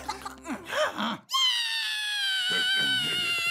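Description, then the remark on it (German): A kitten lets out a long, high, sustained meow after a few brief squeaky cries, loud, with faint rustling or murmuring underneath toward the end. “Ein Tiger mit flauschigem Fell, vielleicht ist der Maiskick unter ihm. Ein armes Kätzchen”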